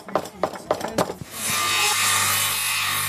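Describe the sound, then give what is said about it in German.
About five quick, rhythmic strokes of a hand saw cutting wood, followed by a steady, louder stretch of continuous rough sanding against wood, at a hands-on crafts event around the church in Pooch, Saxony-Anhalt, where children tried sawing, carving, hammering and sanding at different stations. “Ja, sägen, schnitzen, hämmern und schleifen.”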